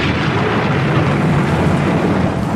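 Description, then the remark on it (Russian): A loud, close thunderclap as a lightning bolt strikes the water during a storm, rolling on as a dense, steady rumble that fills the whole moment, heavy in the low end, with no voices. “Ослепила извилистая молния, упала близко в воду. Рвануло так, что люди на берегу присели.”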